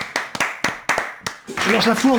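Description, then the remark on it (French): Several sharp, separate claps ring out, then a loud, dense crowd roar swells in, full of whooping, cheering voices over continuous applause. “Je lâche la foule en délire.”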